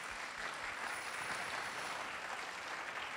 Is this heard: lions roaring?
no